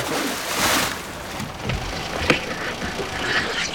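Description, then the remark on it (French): A boat anchor is dropped into the open sea with a single sharp clunk partway through, over a steady wash of boat and water noise with small knocks before it. “Je vais couper le moteur et plonger le rejoindre. Je jette l'ancre.”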